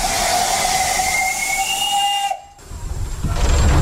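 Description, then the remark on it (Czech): A steam locomotive built in 1925, heard from the cab beside the driver during a steam weekend near Rakovník, Czech Republic: a loud, sustained whistle blows over a broad hiss of steam, cutting off abruptly after about two seconds, then rumbling hissing steam and chugging noise swell back in. “Poprvé v životě jedu parní lokomotivou hned vedle strojvedoucího, je to všudy bylka, dopředu koukám malým okénkem.”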